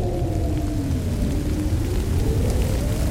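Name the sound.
rain starting to fall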